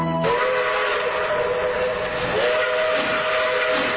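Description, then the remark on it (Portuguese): A steam locomotive whistle blows loudly and continuously for about four seconds as the train crosses the mountains of Minas Gerais, Brazil. Its steady chord shifts slightly partway through, over a constant rushing hiss of steam. No one speaks. “É, ouvinte, a Maria Fumaça vem cortando as montanhas de Minas Gerais.”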